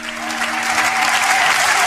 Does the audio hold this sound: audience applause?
yes